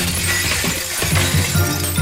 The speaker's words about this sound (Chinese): 她突然伸出了手，在空中抓了一把，虽然没有抓住任何东西，但是她听到了摔倒的尖叫声和打碎玻璃的哗啦啦的响声。